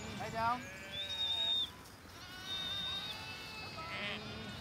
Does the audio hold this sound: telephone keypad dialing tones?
no